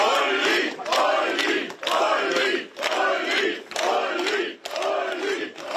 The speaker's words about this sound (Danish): Partiet ser nemlig ud til at få omkring 40% af stemmerne, og da partiets spidskandidat Ulrich Siegmund stemte tidligere i dag, blev han mødt af klapsalver.